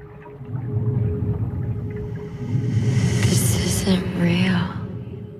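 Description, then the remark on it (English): A muffled, enveloping underwater drone with a steady low hum, broken midway by a few eerie rising and falling tonal swoops, all continuous and fairly loud throughout. “She sinks underwater and notices her reflection in the glass.”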